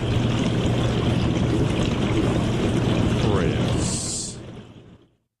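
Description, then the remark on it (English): A dishwasher running: a steady wash of rushing, spraying water over a low motor hum, with a brief higher hiss near the end before the sound fades out. “I know what a dishwasher sounds like, sir.”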